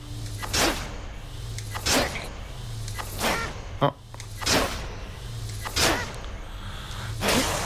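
Video game arrow shots, charged and then fired, whoosh out in a steady rhythm, about six sharp airy swishes roughly a second apart, over a low droning background tone.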